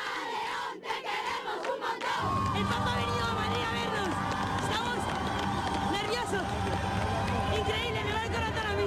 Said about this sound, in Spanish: La acogida ya se sentía en el corazón de la capital, donde el pontífice saludó a los fieles que a su paso ondeaban banderas, pañuelos blancos y cantaban al unísono.